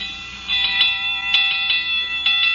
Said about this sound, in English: Hey, Costello, That alarm is still ringing. Answer the phone, hurry up.